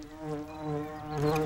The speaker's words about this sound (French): Est-ce que tu entends les abeilles bourdonner?